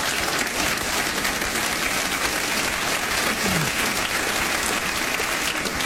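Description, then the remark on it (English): An audience claps steadily, a dense wash of applause that stays loud and even for the whole stretch without fading, with no one talking over it. “No, don't clap.”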